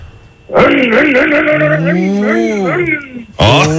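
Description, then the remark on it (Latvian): A voice imitates a motocross bike as a farewell, a buzzing, nasal engine whine with harmonics that rise and fall as if revving through gears, held for about three seconds before a brief second burst. “Nu, nu tāda motociklista, motocikla skaņa lūdzu no tevis uz atvadām.”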